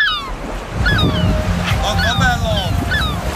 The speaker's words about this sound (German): Und wenn er am Strand hockt, ne, so klingt doch eigentlich so ein entspannter, perfekter und eigentlich typischer Tag am Meer.